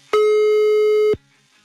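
A single loud, steady electronic ringing tone of an outgoing WhatsApp call holds for about one second, then cuts off sharply, leaving near silence; no one speaks.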